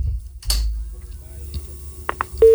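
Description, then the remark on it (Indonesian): Faint line noise and a few clicks on a phone-in line, then a loud, steady telephone busy tone cuts in abruptly right at the end as a caller's call disconnects, the first beep of the signal. “Oh iya, terputus.”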